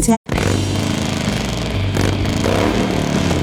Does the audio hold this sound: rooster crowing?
no